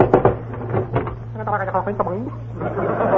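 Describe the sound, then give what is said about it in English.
A few sharp knocks on a door ring out near the start, mixed in with people talking over a steady low electrical hum. “Right, I'll knock.”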